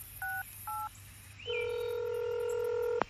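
Two short, evenly spaced dual-pitch keypad beeps from a telephone being dialed, followed by a long, steady electronic tone that ends abruptly in a sharp click. No one speaks.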